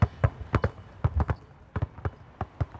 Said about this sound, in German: Wir dribbeln jetzt einmal vor und zurück und zurück dribbeln wir auch rückwärts. Rückwärts. Wie mit der rechten Hand, genau.